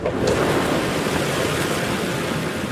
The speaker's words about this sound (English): A roar of wind blasts through the plane and needles his eyes.